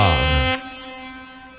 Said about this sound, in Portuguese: E eu, se não me engano, passou um caminhão buzinando por aí.